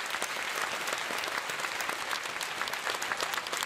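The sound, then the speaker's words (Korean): A crowd at a ceremony at Jingwansa temple applauds to welcome Seoul Mayor Oh Se-hoon before his congratulatory speech, a dense wash of many hands clapping at a constant loud level with no voices rising above it, continuing throughout. “박수로 맞이해주시기 바랍니다.”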